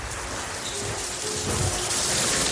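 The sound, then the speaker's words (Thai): Steady, heavy rain hisses and pours across the whole clip, with a low, soft rumble of thunder rolling beneath it. No voices. A storm hitting the town of Artville at night. “คืนนั้นพายุเข้าเมืองทุกคนในอาร์ตวิลปิดหน้าต่างและอยู่ในบ้าน”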